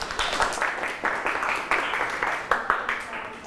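A group applauds a classmate, with dense, irregular hand claps forming a steady wash of sound and a few sharper claps standing out. No one speaks.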